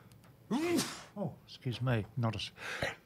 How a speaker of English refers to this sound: Two sneezes, sorry.